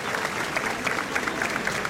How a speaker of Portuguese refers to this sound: Olha, e os bombeiros são aplaudidos.